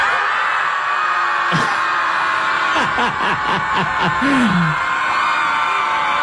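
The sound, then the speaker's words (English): Members of the Chicago Scream Club scream together out over a lake in Chicago at their weekly meeting, a loud, sustained wall of overlapping voices broken by sharp whoops and rising yells near the middle, continuing for several seconds. “They meet once a week to scream into the lake and relieve stress.”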